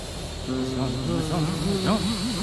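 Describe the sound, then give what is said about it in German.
A voice hums to make a chemical-filled drone fly upward, holding a steady mid-pitched buzzing drone that then wobbles up and down in quick waves, over a faint constant hiss. “Drohne summ herum.”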